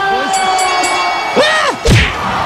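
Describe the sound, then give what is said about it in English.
A crowd roars and cheers around a boxing knockout. Rising and falling shouts swell, and a single heavy punch thud lands near the end amid the loud, continuous crowd noise. “Wow, that's the fastest knockout in boxing history. The crowd goes wild.”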